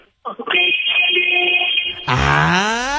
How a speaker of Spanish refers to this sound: A ver, vas en el coche. Tienes tu claxon a la mano. Así es. Muy bien, me parece perfecto porque necesito que me hagas un oye con el claxon. Ok. A ver, en 3, en 2, en 1.